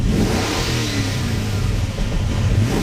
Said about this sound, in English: Sounds like a car. Okay, that's not the real sound. They haven't released what the real sound is yet.